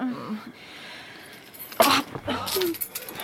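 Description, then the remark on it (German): Keys jangle in two short, bright bursts as they are handed from one person to another, with a faint voice and soft rustling around them. “Gib mir den Schlüssel, ich bin ins Bett.”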